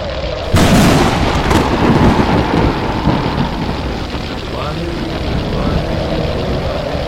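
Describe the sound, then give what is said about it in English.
A thunderous firestorm erupts abruptly after a brief moment, then roars on as a loud, dense, rumbling wall of booming, crackling noise that never lets up. “This firestorm! Why are they not frightened?”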